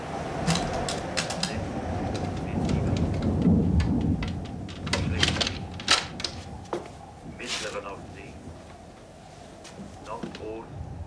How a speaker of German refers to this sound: Nun kommt auch noch Sturm auf.